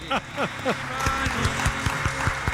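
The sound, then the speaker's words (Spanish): Applause from the audience in Tomelloso breaks out after a short burst of voice, settling into steady, evenly spaced claps that keep a brisk rhythm at moderate loudness for a couple of seconds. “Este aplauso, sí, profesor, sí, es gracias a mí, a que no he cantado.”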